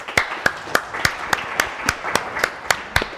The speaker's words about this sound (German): Jörg Heidig, das ist jetzt Ihr Applaus.